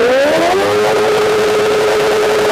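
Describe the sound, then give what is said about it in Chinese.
A modified motorcycle's engine revs hard as the throttle is opened during a noise test by staff of the Haidian District environmental monitoring station. Its loud modified exhaust note climbs in pitch over the first second, then holds a steady, raspy high drone. No one speaks. “咱们现在测试一下这辆车，就这辆改装过的摩托车，它这排气管在咱们点火拧油门的情况下能达到多少分贝？”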